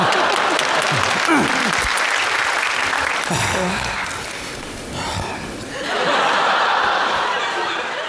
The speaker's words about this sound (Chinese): 我现在是老板了啊！哎呀呀呀，你先鼓掌。 来。